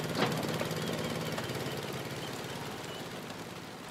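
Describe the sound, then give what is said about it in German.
An ordinary 9 hp Honda stationary engine with a centrifugal clutch, pull-started with a rope, runs steadily, its rapid chugging, knocking pulse loud and continuous with a rough mechanical rattle, and a brief sharp clank near the start; no one speaks. “Also das hier ist ein vollkommen ordinärer Honda Stationärmotor mit 9 PS und Fliehkraftkupplung.”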